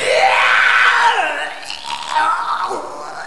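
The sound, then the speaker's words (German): Loud, strained vomiting into a stairwell: a long, drawn-out retching heave with a wavering, sliding pitch, breaking into gurgling, sputtering gags toward the end. “Und ich kotze jetzt erstmal ins Treppenhaus. Das könnt ihr ruhig alle hören.”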